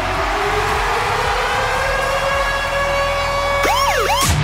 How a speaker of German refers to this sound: Und zwar immer dann, wenn unser Virgin Radio Ticket Alarm bei uns bei der Virgin Radio Morning Glory zwischen 6 und 9 abgeht.